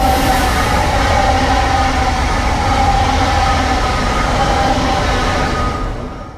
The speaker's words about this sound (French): J'espère que vous aimez bien les trains parce que vous allez beaucoup en entendre pendant l'émission.